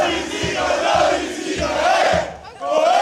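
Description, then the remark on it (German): A large crowd of Halberstadt football fans cheers and chants loudly, celebrating their team for minutes after the final whistle of a 3:1 Oberliga win over Wernigerode, with rhythmic low thumps like clapping or drumming beating steadily beneath the roar and a brief dip in volume near the end. “Die Halberstädter Fans feierten ihr Team minutenlang nach dem Abpfiff.”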